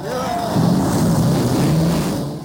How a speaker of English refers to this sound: and gentlemen, start your engine.